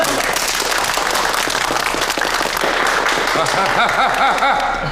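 A burst of steady, dense applause from a group of people, many hands clapping continuously at an even loudness throughout, with a few faint voices mixed in toward the end.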